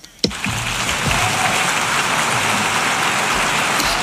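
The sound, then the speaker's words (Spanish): A large crowd at the Assembly breaks into sustained applause after the speech of the president of Brazil, a dense, steady wash of clapping that starts abruptly after a brief thump and holds at an even level throughout, with no one speaking. “Muy bien, los aplausos, como ven, desde que se ha callado no hay la voz de la traductora y el aplauso es,”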